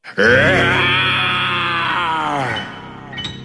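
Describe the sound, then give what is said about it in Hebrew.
A human voice imitates a lion in a story roaring loudly after story time ends: one long, rough, harmonic-rich growl that holds steady for about two and a half seconds, then trails off, with no talking around it. “האריה הסתכל על הילדים, הוא הסתכל על מספרת הסיפורים, הוא הסתכל על הספרים הסגורים, ואז הוא שאג בקול רם מאוד.”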